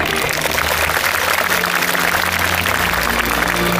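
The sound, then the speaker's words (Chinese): A large audience at a university graduation ceremony in June 2023 claps steadily to congratulate the graduating students, a dense, continuous wash of applause that holds at the same loud level throughout, with no voices breaking through. “让我们以热烈的掌声祝贺各位同学。”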